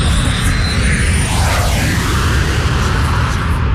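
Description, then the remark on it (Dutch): A loud, steady Boeing 737 jet airliner roar fills the whole clip, a broad rumbling wash of engine noise with a faint sweeping whine shifting through it as the plane passes overhead. “Okay. 737. Ja, ik zie het, ja.”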